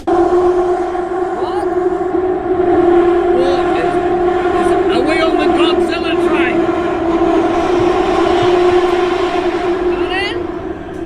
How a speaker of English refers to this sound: I'll tell you a better definition. Yeah. It's like, you know, when metal scrapes metal and I felt the sides of the train were hitting the tunnel. Yeah, that's what it sounded like. People go to work in this sound every day.